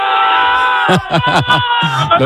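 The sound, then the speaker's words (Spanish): Eldense football supporters, filling the pitch in Elda to celebrate promotion, shout and cheer over a steady roar of crowd noise, with several loud, rising yells bursting out in quick succession. “Unos gritos, está animando al Eldense.”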